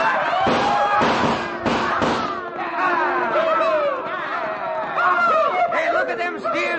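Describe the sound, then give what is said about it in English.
A quick volley of sharp, loud shots from six-guns rings out in the first two seconds, then gives way to a thick, steady din of cattle herds stampeding at a dead run through a pass toward a barricade, mixed with bawling and shouting voices. “And then, with one wild whoop and the echoing roar of 6 guns, we started those cattle toward the barricade at a dead run.”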